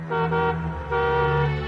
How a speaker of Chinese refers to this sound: 小钱按了一下喇叭，